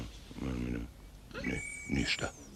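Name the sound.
lion yawning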